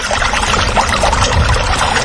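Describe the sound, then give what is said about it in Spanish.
Water pours steadily, a loud continuous splashing rush that holds an even level for about two seconds, with no voices. “Emasagra, agua, naturalmente.”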